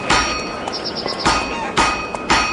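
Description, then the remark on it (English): A blacksmith's hammer strikes an anvil in a smithy five times at a steady, unhurried pace, each loud metallic clang leaving a bright, high ringing tone that lingers between blows. “Legend states that one day, Pythagoras was walking past a smithy's workshop, listening to the sound of the blacksmith's hammers on the anvil.”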